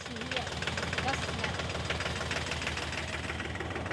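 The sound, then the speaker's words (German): A tractor engine chugs steadily as the tractor covers distance on the way to Büren, its low rhythmic knocking and rattling vibration continuous throughout without pause. “Wir machen jetzt erstmal Strecke. In Büren wartet schon Mariannes Volkstanz- und Treckerkumpel”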